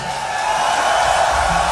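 A large concert audience roars with applause, a dense, steady wash of cheering and clapping that stays loud and unbroken throughout, with no individual voices standing out.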